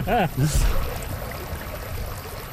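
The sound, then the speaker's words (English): Steady low rushing of a Tanzer 7.5 sailboat cutting through water on a lovely summer day of sailing, a continuous wash with faint splashes, after a brief voice at the very start. “Well, I really appreciate you taking me out. It's a lovely day sailing.”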